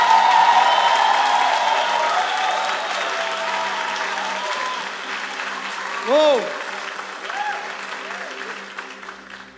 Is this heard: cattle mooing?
no